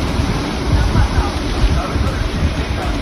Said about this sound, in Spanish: Es el sonido de hace tan solo unos minutos en Alsira, donde ya llueve con fuerza.